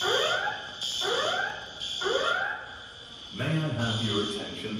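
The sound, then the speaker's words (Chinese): An alarm wails through the hall of Terminal 3 at King Khalid International Airport in Riyadh, Saudi Arabia, after an explosion, repeating rising whoops about once per second over a steady high tone, with an emergency evacuation announcement starting beneath it near the end. “据目击者称，沙特首都利雅得哈利德国王国际机场3号航站楼，当地时间10日下午传出爆炸声，机场内大厅随即响起警报，同时播放紧急撤离广播。”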